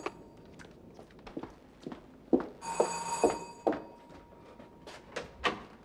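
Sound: bell ringing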